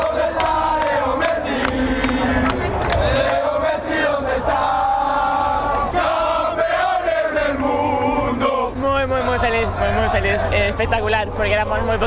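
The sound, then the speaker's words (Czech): A large crowd of football fans at a match against Argentina chants in unison, sarcastically singing 'We are world champions' and asking where Leo Messi is. It is a loud, continuous, sing-song taunt with rising and falling melodic lines and sharp shouted accents over a dense roar. “zpívali Jsme mistři světa a sarkasticky u toho taky pohybovali po Argentinsku těmi pažemi a ptali se třeba, kde je Leo Messi”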